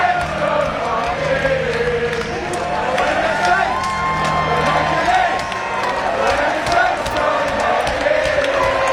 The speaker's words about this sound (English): But when these boys jump off these buses here, there is going to be an almighty cheer in Northampton Town Centre. Let's just take in the noise for a second.